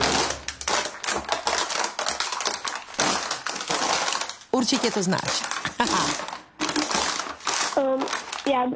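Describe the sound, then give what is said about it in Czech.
Loud, dense crackling and crunching of plastic bottles being crushed, played as a sound to guess in a quiz, with rapid irregular pops filling the whole stretch. Brief voices speak over it. “To je nějaký plast. Výbor. Flašky.”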